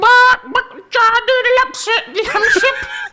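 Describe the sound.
A person imitates a chicken with a string of loud, strained, squawking vocal bursts, choppy and rapid, with no other sounds.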